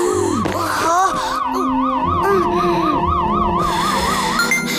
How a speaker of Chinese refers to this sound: 调整呼吸。你的心率警报声影响了羚牛，它也很不安。